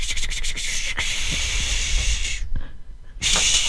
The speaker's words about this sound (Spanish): Palos de lluvia. ¿Cómo palos de lluvia? ¡Ah! El palo de lluvia.